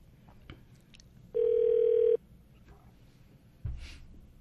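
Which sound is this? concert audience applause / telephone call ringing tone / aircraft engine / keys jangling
telephone call ringing tone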